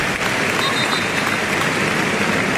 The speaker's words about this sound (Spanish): Ahora oiremos también esos aplausos en recuerdo a Jarque, pero qué bonito ese detalle, vamos a oírlo.